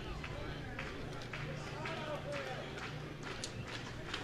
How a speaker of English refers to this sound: Crowd starting to clap their hands in unison.